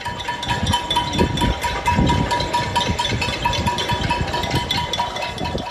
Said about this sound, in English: People living in this Havana neighborhood banged pots and pans to protest the power going out frequently.